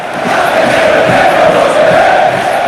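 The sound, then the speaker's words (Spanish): A packed crowd at the Estadio Enrique Roca roars and shouts continuously during a football derby, a loud, dense wall of many voices with a steady midrange hum that holds without pause for the whole stretch. “Más gritos.”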